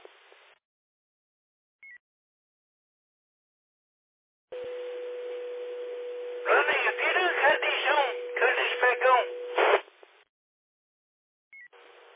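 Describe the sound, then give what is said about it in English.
A burst of radio transmission carries a steady electronic tone, then a quick run of touch-tone beeps entered over it. The beeps come in short, uneven clusters through static, and no voices are heard. “Yeah, was that you entering tones?”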